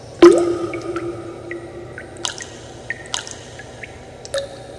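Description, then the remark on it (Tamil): Water drips in a slow, uneven series of about five distinct drops, each a sharp little plink with a short ringing tail, clear against a quiet background with no voices. “சிந்துவது தண்ணீர் அல்ல, எதிர்கால தலைமுறையினர் சிந்த இருக்கும் கண்ணீர்.”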